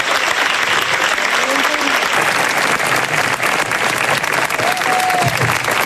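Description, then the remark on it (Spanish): Loud, sustained applause from the King of Spain and others, directed at Luis de la Fuente and the rest of the Spanish national team players, with dense clapping that holds steady throughout and faint voices murmuring underneath. “El aplauso de Majestad del Rey, que se dirigía a Luis de la Fuente y al resto de internacionales.”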